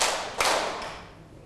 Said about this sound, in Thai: ปรบมือ1ครั้ง2ครั้ง3ครั้ง4ครั้งทำไมมีเปาะแปะเปาะแปะเอาใหม่นะคะปรบมือ3ครั้ง